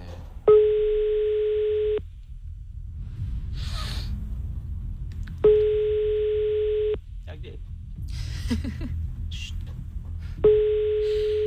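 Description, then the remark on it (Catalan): A telephone ringback tone sounds three times in a steady pattern, each long tone followed by a pause, as a call to a woman goes unanswered while people murmur and talk quietly in the background. “No agafarà el telèfon, aquesta senyora.”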